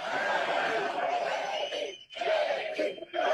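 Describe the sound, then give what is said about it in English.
A large, energetic crowd at a J.D. Vance speech chants his name in unison, a dense roar of many voices with rhythmic swells and a brief dip before the chanting surges back. “I got to say, it's pretty cool to hear a crowd that is this fired up chant your name. So go ahead and do it again.”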